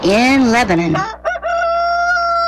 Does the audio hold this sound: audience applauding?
no